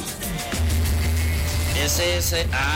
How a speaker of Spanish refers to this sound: Tráfico en el redondel del Trébol. Esto huele a tráfico, eso que está temprano.